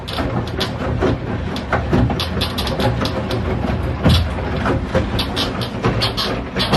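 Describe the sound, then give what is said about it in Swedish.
A home washing machine, recorded in a bathroom, churns through a wash cycle with a steady, dense mechanical rumble, broken by rhythmic sloshing and clunking thumps, fairly loud and continuous with no voices. “Och för alla tvättmaskinsmontörer där ute, jag ska visa åt er nu hur min tvättmaskin låter när den tvättar.”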